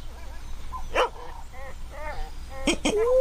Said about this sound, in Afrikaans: Oeie, waar gaan ek wegkruip? Die hondjie gaan my byt, oom.